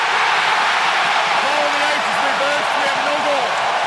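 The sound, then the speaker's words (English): A packed hockey arena crowd at SAP Center in San Jose, during Game 7, erupts in a loud, sustained roar as a play is ruled offside after a coach's challenge, with individual shouting voices rising above the din partway through and carrying on to the end. “And listen to the reaction from the crowd here in Game 7 at SAP Center.”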